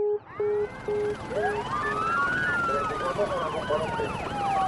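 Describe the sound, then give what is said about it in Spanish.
The sirens of five police cars wail together, starting with a steady beeping tone, then rising and falling sweeps that overlap and grow louder as the cars approach, turn into a street and arrive at a house, with a dense rumbling background. “En menos de 3 minutos, entraban en mi calle y llegaban a mi casa 5 carros de policía, un helicóptero, una unidad de rescate, un equipo de televisión y una delegación de derechos humanos.”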